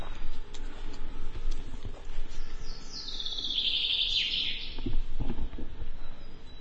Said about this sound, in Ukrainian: Мы зараз почули звук дрона, він тут десь над нами. Наче полетів.